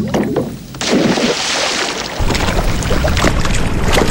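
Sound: water sounds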